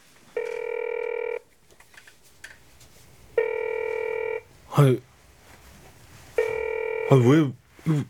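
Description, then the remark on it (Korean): A telephone ringback tone buzzes three times in long, evenly spaced bursts as a call to a place advertising for a Korean language teacher goes unanswered, with short murmured vocal sounds between the later rings. “한국어 교사를 구한 곳으로 전화를 걸었다. 하지만 통화가 되지 않았다.”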